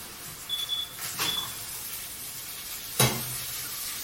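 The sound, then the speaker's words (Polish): Steady frying sizzle hisses throughout as water with lemon juice is gently poured over 400 g of frying shrimp, with a few brief bursts of louder crackling and a sharp spatter near the end, no one speaking. “Polewam delikatnie.”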